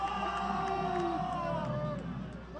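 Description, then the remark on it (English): A ballpark crowd at a Triple-A baseball game roars in the ninth inning in a steady wash of cheering and chatter, with a few whoops and sustained shouts rising above the din before it eases slightly at the end. “Crowd that had been dead all night suddenly sparked here in the ninth.”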